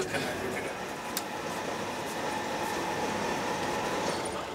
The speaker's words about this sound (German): Mitten in der Nacht rollt der Zug auf eine Ostseefähre. 3 Stunden Überfahrt bis ins schwedische Trelleborg.